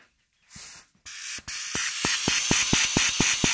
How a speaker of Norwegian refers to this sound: men hvis jeg ser teorien, så kanskje det blir en liten visslelyd, skal vi høre? Ja, jeg tror kanskje det ikke så optimistisk på grunn av de sprekkene som ble her.